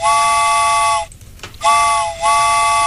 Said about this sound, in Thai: มีใครอยากขึ้นรถไฟกันบ้างนะคะมาได้เลยรายงานตัวกันได้เลยเพราะว่าตอนนี้รถไฟมาแล้วค่ะ